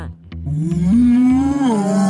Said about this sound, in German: Ich bin die Kuh und Mutter. Denn man nennt mich so, wenn ich das erste Mal ein Kind bekommen habe und Milch gebe.